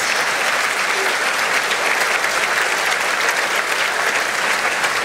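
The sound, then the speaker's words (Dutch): Sustained applause from a large audience in a concert hall as Princess Astrid and her husband the Archduke arrive in the royal box, a dense, steady wash of many hands clapping at even loudness throughout, with no voices standing out. “Dat is het 2e applaus dat we nu horen.”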